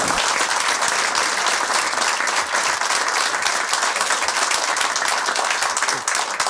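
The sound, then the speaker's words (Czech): A large audience applauds steadily, a dense wash of many hands clapping at once, loud and sustained from start to finish with no voices on top. “Já se omlouvám za tohle gesto, že jsem přerušil ten potlesk.”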